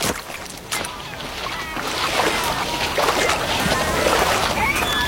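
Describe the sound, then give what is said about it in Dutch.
A small boat scrapes and sloshes as it runs aground on a beach, with water splashing steadily around the hull, fairly loud, growing busier toward the end. “Nou, we lopen nu een beetje vast op het strand.”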